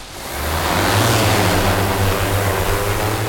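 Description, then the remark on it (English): A drone lifts off from a bright orange landing pad on a sunny day with 2.7 mph wind, used in an archaeological search for a lost settlement; its rotors spin up from a soft start into a loud, steady buzzing whir with a low droning hum and broad airy rush, with no voices. “Eileen Ernenwine watches a drone lift off from a bright orange landing pad”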